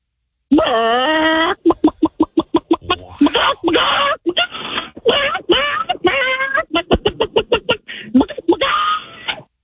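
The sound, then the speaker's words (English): A person imitates a chicken with their voice, giving a long rising squawk followed by rapid staccato clucks and drawn-out warbling calls, loud and without other talk. “I can do a caw, caw, caw, caw thing, but I'm way better at a chicken.”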